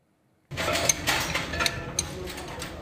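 After a brief silence, wrenches and spare parts clink and clatter in a car repair setting: scattered sharp metallic taps and knocks over a steady mechanical hum, some faint voices mixed in.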